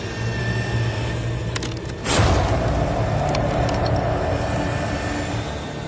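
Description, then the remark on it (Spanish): A steady mechanical hum, a few faint clicks, then one loud sharp crack as a cow bone snaps in two under a crushing tool, jaws of life being tested for megalodon-like bite force. The machine keeps droning afterward, slightly louder. “prueba la herramienta con un hueso de vaca”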